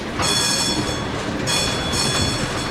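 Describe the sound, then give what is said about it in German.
Loud, continuous rumble of a tram rolling by, with bursts of high metallic screeching from the wheels rising and fading over the steady din of street traffic and buses. No voices. “Doch nun quälte ihn der Lärm. Ihm war, als fuhren die Straßenbahnen und Busse mitten durch seinen Magen.”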